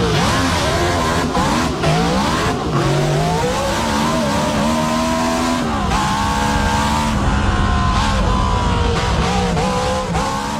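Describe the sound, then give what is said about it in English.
A powerful V16 engine revs loudly and continuously, its pitch climbing and dropping in repeated surges, with no voices over it. “I've got written in front of me it's a V16.”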